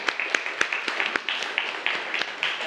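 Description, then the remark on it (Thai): A group of students in a classroom clapping for a classmate who gave the right answer, in a loose, uneven patter, sharp claps scattered across a couple of seconds over a steady murmur of young voices, moderately loud. “ภาพโมนาลิซาปรบมือให้เพื่อนหน่อยครับ”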